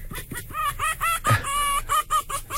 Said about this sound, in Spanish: Dice, el zorro es gañido. Gañido. Del verbo gañir, que es un ladrido ronco, corto y aspirado, ¿no? Lo que escuchamos era como de a ver, ponlo otra vez. Una hembra en celo, ¿no?